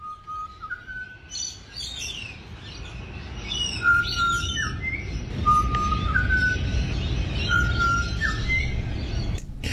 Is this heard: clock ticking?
no